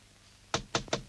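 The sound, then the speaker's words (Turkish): A few firm knocks on a door in quick, even succession, sounding solid after a brief moment of quiet, with no voices present. “Gülsüm, aç kapıyı!”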